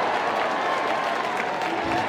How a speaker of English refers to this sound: Loud cheers for the Flying Squirrels faithful. Another solid crowd on tap tonight, even on a overcast Friday.